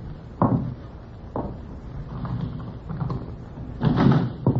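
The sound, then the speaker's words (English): A door is opened with a few dull wooden thuds and knocks spread over several seconds, followed by a longer rattling bump near the end. “I'm tired of running away. Open the door.”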